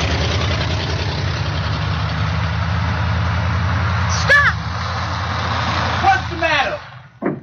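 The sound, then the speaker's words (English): A heavy truck engine rumbles steadily, then brakes squeal in short bursts as it slows and comes to a stop, the engine noise dropping away at the end; the truck is coming to take workers to the cotton field. “Hurry up, Fannie, here comes the truck.”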